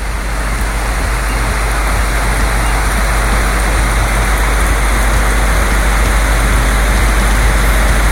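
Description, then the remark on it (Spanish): Heavy rain pours down steadily in Rengo, a dense, loud, continuous hiss of water with no pauses and no voices, enveloping for the whole stretch. “Intensa la lluvia que tienen por esos lados.”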